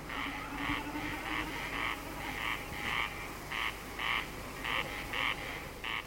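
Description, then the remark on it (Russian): Corncrakes call over and over on a meadow at evening twilight in May, in a steady series of dry, rasping double notes, fairly loud and overlapping one another, while a snipe drums, vibrating its tail feathers in flight; low rumbling background and no voices. “Наперебой кричат коростели, и время от времени, вибрируя перьями хвоста на лету, блеет барашком бекас.”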